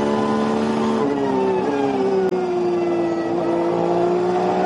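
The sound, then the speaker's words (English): Onboard the Porsche Super Cup racing car of Dutch driver Flint Schuring, back out after its pit stop in very light rain: a loud continuous high-pitched engine whine with steady harmonics that shift slightly in pitch as the revs rise and dip, with no voices. “Back on board with the car that has had its pit stop and come back out.”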